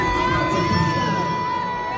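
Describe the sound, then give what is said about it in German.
A large concert crowd boos a singer on stage early in her tour, a steady wall of booing and jeering voices with some high whistles cutting through, sustained and loud for the whole stretch. “Ja, also da hören wir auf jeden Fall, dass sie ausgebuht wurde und das Video ging dann auch voll viral.”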